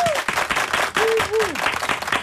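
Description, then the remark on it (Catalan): Loud, dense applause from a crowd welcoming the guest, actress Àgata Roca, fills the whole moment, with a few voices whooping or calling out over the steady clapping. “No dorm, i no volem pas que la nostra convidada, que la rebem ja amb un fortíssim aplaudiment, ja hem dit qui era, l'Àgata Roca.”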